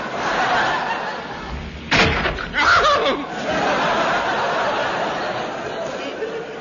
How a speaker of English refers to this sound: One good clout on von Guten's big steaming nut sufficed.